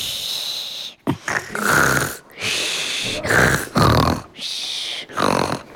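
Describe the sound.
A voice mimics snoring with several loud, rasping breaths in an uneven rhythm, each a harsh snort-like burst separated by short pauses.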